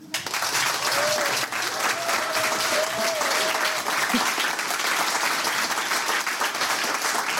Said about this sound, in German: Applaus.